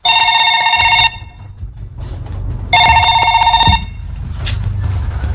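A telephone rings in two loud bursts, each about a second long, separated by a pause, with a low background hum throughout.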